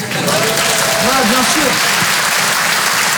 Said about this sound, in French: Par applaudissement.